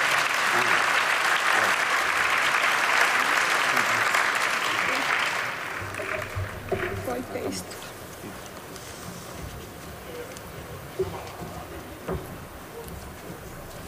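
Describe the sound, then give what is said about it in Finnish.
An audience claps steadily for several seconds, joining in congratulations to Aikamedia, in dense, continuous applause, which then thins into scattered claps and fades as the room settles, with faint murmuring underneath. “Sydämelliset onnen toivotukset koko Aikamedian ja varmasti yleisö yhtyy tähän myöskin meidän kaikkien puolesta teille.”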